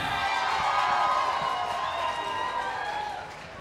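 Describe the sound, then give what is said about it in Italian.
An audience claps and cheers steadily for a few seconds to welcome a music artist, a dense wash of applause with scattered shouts and whoops, tapering off slightly at the end. “Un applauso”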